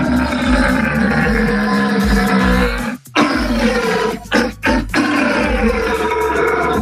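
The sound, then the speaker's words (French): A red deer stag at the Sainte-Croix animal park bellows during the rut (mating season): long, loud, guttural roars with a deep rumbling, harmonic tone, broken by a few brief breaths before the bellowing resumes. “On pourrait croire que c'est un problème de digestion, mais non, il s'agit d'un cerf. Et le brame du cerf, c'est effectivement la saison des amours, c'est en ce moment.”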